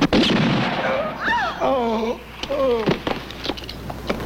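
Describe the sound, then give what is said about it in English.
Gunshots: a loud, sharp bang at the start, then several more scattered cracks over a rumbling background, with wavering voiced cries rising and falling between them. “He was gonna shoot. You could have shot him in the hand.”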